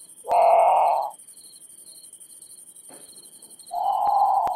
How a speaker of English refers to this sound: Okay, so that's the Grand Patu. It's haunting. It sounds a lot like a very scared bird calling for a parent, in the middle of the night.